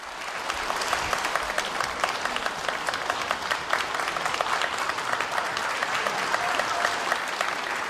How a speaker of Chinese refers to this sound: 谢谢大伙儿这么热烈的掌声啊。 是啊， 您看这个天津电视台啊，特别的热情。 没错， 这观众也是啊，俩人一上来报以热烈的掌声， 欢迎咱们两个 年轻的优秀相声演员。